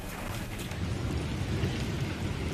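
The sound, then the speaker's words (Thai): Heavy rain pours in a dense, steady roar throughout in Barcelona, Spain, flooding streets and pouring into metro stations, with a deep low rumble underneath like thunder. No one speaks. “ส่วนสถานการณ์ฝนตกหนักในเมืองบาร์เซโลนาของสเปนก็ส่งผลให้น้ำท่วมถนนและไหลทะลักเข้าสถานีรถไฟใต้ดินหลายแห่ง”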